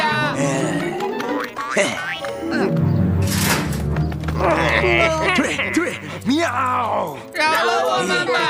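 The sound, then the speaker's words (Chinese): Several voices let out loud, drawn-out growling roars in imitation of big cats, overlapping and rising in intensity, with strained vocal bellows filling the scene. “再凶一点，声音再大一点！”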